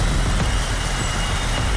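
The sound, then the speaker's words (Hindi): Steady, dense road traffic hum at Connaught Place in central Delhi, India, with the low rumble of trucks and buses filling the background continuously and no clear voices. “वो सारे भीड़ भाड़ वाले इलाके हैं, एक भी इलाका ऐसा नहीं है जहां पर ट्रैफिक या फिर लोग ना हो”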